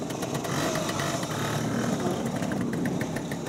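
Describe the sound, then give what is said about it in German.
A small motor scooter engine drones steadily as it is ridden, a continuous buzzing hum with slight rises in pitch, and no one talking over it. “Und übrigens gehört diese Halle zu dem Industriekomplex, wo damals die Roller auch hier gebaut wurden.”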